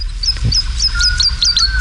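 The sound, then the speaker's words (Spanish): A woodlark, a kind of lark, sings in flight at dawn above the fields of Daimiel, flapping frantically, a steady run of sweet, high fluting notes repeated in quick succession, heard clearly over a low, constant outdoor rumble, with no voices. “Y la totovía está, es una alondra, la alondra de bosque, la totovía está volando arriba, aleteando frenéticamente y cantando.”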